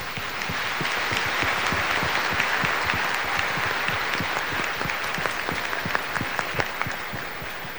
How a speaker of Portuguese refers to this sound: Então vamos agradecer a todos que colaboraram para a realização desse 20º jubileu de São João Batista, com uma forte salva de palmas.